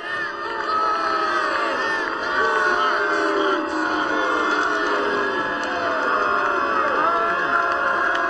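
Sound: crowd booing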